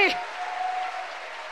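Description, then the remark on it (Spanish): A crowd at a church service applauds steadily for the majesty and glory of God, many hands clapping together in a dense, even wash of sound that holds at a moderate level throughout, with a brief voice at the very start. “¿Cuánto le dan un aplauso a la majestad de Dios, a la gloria de Dios que está aquí?”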